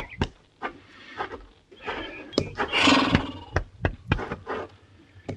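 An agitated bay horse stomping on a man lets out a harsh, rasping neigh amid a string of heavy, irregular hoof stomps and thuds, each strike sharp and loud, with no voices.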